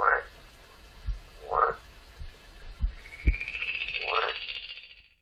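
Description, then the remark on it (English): A frog in a pond croaks three times at spaced intervals, each croak a short raspy burst, with soft low thumps between them and a thin higher call rising near the end. “In his pond live a frog and a toad and a newt.”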